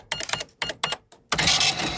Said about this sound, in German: so eine ganz klassische Kasse, wo man damit durchrechnen kann